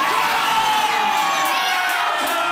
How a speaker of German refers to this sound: Da steht er wieder, alles jubelt.